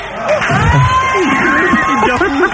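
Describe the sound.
A loud audience claps and cheers during a live radio broadcast, in a steady, dense wash of sound, with voices calling out over the applause throughout.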